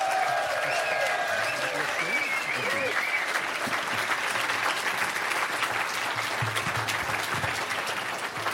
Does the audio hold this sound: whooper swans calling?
no